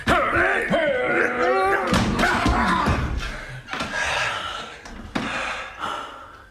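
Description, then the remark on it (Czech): A locked door is forced open with heavy kicks: a few loud, irregular thuds and a splintering crash, mixed with strained grunts and gasps from people. “Přátelé, vyrazíme dveře.”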